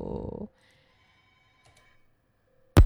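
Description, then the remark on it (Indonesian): A voice briefly speaks, then a steady electronic telephone ring of an incoming call on the phone line of the Pekanbaru radio program Dendang Rana Minang sounds for about two seconds, fairly quiet and continuous, before a loud burst cuts in at the end. “Masih dia tunggu tentunya yang ingin bergabung di line telepon kita program 4 Pekan Baru.”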